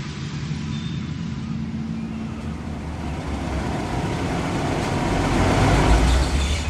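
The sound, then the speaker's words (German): A car engine runs steadily, a low rumble that swells gradually louder as the car creeps along and settles into place on the parking deck of a large ship, with no voices. “Okay, der Wagen steht gut. Ziehen Sie die Handbremse fest an.”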